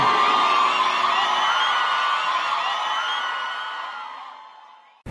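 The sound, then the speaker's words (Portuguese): A loud crowd shouts and cheers together in one sustained burst of whoops and yells, high voices prominent, fading gradually over several seconds before cutting off. “Quem gostou, dá um gritão aí!”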